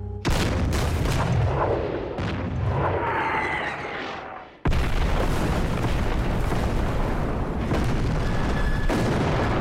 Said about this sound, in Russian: Стволы 122-мм гаубиц М-30 выпускают снаряды. Они рвутся среди наступающих.